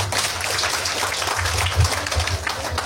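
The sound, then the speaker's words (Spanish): A crowd at a school ceremony in Santaní applauds steadily as municipal councillor Carlitos Verón is introduced to speak, a dense wash of many hands clapping that holds at a constant, fairly loud level for about three seconds, with a low rumble underneath. “Fuerte los aplausos.”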